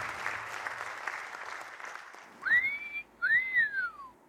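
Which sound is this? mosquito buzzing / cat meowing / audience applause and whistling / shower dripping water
audience applause and whistling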